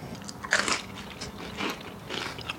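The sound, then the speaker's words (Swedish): Crisp, crackling crunches of someone biting into a slice of bread toasted in a grill pan and topped with grated tomato, olive oil and salt, a classic Catalan appetizer. A loud first bite is followed by a few softer chewing crunches, with no talking. “rostar en brödskiva i grillpannan och lägger sen på riven tomat, olivolja och salt.”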